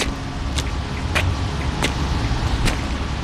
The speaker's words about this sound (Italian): Tempo di varcare la soglia e lasciare dietro di me il rumore, la fretta, il trambusto della città.